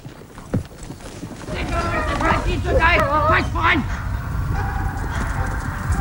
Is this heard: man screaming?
no